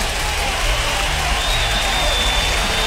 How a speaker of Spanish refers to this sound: De Molina, un aplauso para Molina, claro que sí.